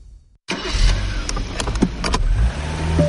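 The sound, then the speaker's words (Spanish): A car engine turns over and keeps running with a steady low rumble, punctuated by a few sharp mechanical clicks and knocks, starting abruptly after a brief silence. “No olvides que aquí voy contigo, cuidando tu motor.”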